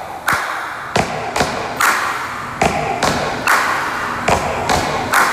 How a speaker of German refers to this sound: klingt nach einem stampfenden und klatschenden Chor von tausenden Fans.